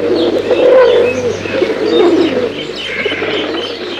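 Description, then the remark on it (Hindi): A flock of pigeons caught in a net in a forest coos steadily in low, rolling murmurs, with scattered higher chirps overlapping throughout. The birds sound fairly loud, with no voices present. “थोड़ी देर में जब वो वापस आया तो उसने देखा, जंगल में एक स्थान पर सारे कबूतर जाल में फंसे हुए हैं।”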